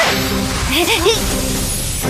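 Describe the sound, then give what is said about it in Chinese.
A loud punch whooshes through the air and lands with a crashing hit, set over a busy, noisy background with a brief vocal sound mixed in. “天寿地寿，果然是你们在捣乱，吃我一拳”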